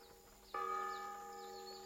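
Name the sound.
church bells ringing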